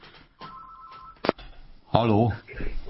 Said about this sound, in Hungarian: Most van egy telefonunk, felveszem.